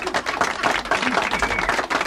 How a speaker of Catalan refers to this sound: Molt bé, doncs últim aplaudiment per aquesta gent.